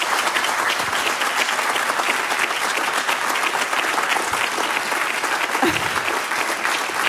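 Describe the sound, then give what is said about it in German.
A large live audience at Münsterplatz in Bonn applauds loudly and steadily, a dense wash of many hands clapping that holds at full strength for about seven seconds without pause. “Vielleicht können Sie sich auch mal melden, dass unsere Hörerinnen und Hörer ein Gefühl dafür kriegen, in welcher Situation wir uns befinden, mit einem großen Applaus.”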